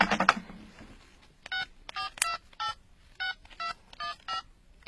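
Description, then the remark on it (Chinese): A telephone number is dialed to call the Quanjing travel company: a brief clatter, then about nine short, steady keypad beeps at a slightly uneven pace, each tone clear and fairly loud against a quiet background. “要不我现在就给全景旅游公司打个电话问问看，怎么样？”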